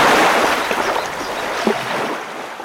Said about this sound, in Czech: Hrázka se převalila celá a všechna ta vodní síla letí dolů potokem jako jedna jediná velikánská vlna plná vody.